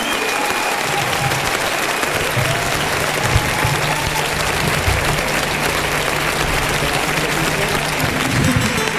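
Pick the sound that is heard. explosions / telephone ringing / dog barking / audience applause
audience applause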